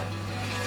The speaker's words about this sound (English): Concrete mixing.